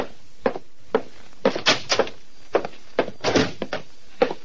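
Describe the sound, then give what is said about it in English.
A heavy oak door opens and closes, with a series of knocks, latch clicks and rattling thuds spread over a few seconds, then a final solid shut. No one speaks. “The buzzer sounded, and Titus Wolfe, secretary to Vincent DeWitt, nodded toward the heavy oak door.”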